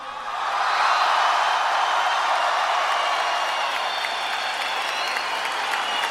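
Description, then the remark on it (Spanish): A large audience shouts a war cry together to welcome the next guest, with no applause or whistling: one loud, sustained burst that swells quickly and holds steady for about six seconds, with no individual voice standing out. “Quiero un grito, nada de aplausos ni de silbidos, solo grito de guerra para recibir a ….”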